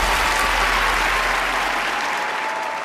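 Sustained applause from a studio audience, dense and steady clapping filling the whole stretch, loud and close, gradually tapering slightly toward the end with no voices.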